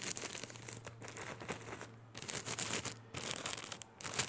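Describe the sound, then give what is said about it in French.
Paper being crumpled, a dense crackling and crinkling that comes in a few sustained bursts with brief pauses, over a faint low hum. “J'aime le son du papier froissé.”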